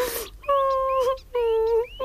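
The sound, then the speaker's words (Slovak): Thin, high-pitched crying heard in a park, in two drawn-out, slightly wavering wails, each under a second long, with a short pause between them and a brief rustle at the very start. “Niekde niekto tenulinko plače.”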